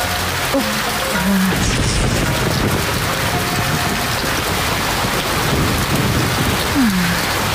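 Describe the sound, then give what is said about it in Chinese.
Sudden heavy rain at the west gate of the old city of Shouchun pours down steadily in a dense, loud hiss that fills the whole clip, with a few faint tonal sounds briefly rising above the downpour. “哎，下雨了，这雨水来得急，我们躲躲雨去。”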